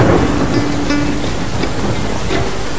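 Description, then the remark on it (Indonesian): Steady rain suddenly pours down at a traditional Betang longhouse in Sei Pasah, Kuala Kapuas, in a continuous, dense hiss, with scattered drops pattering and a faint low rumble underneath; no one speaks. “Saat menaiki Hejan, tiba-tiba hujan pun turun dan membawa kami langsung masuk ke dalam rumah Betang.”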